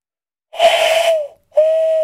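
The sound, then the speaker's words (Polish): Someone imitates an owl's hoot with their voice during an animal-imitation contest: two breathy, steady mid-pitched hoots, the first longer and slightly falling, then a short pause and a second even hoot, fairly loud with no other talk. “Wow, to jest prawdziwa sowa.”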